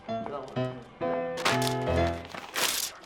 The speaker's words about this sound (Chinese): 你干嘛呀？你干嘛呀？你撕它干嘛？这我用铅笔写的。